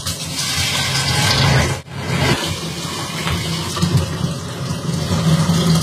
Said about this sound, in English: Next, I have to fill it up to the black line inside with hot water. So let's get that done.